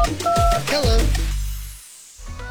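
A couple of short telephone keypad tones beep in quick succession, clear, layered over a busy radio-style sound effect with low rumbling and a sweeping whoosh at the end, in a Selangor FM radio station jingle about setting speed dial on a smartphone.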